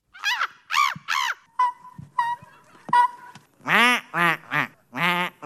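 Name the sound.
person imitating bird calls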